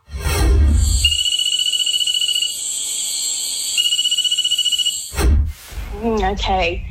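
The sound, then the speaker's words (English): A nursery frog (genus Cophixalus) calls in a high, thin, rapidly pulsing trill that holds steady for several seconds, broken by brief bursts of rustling noise and ending with quick rising chirps. “I'm not copping out of this one, but I think it's a Cophixilus frog, so a nursery frog, but I can't tell you the exact species.”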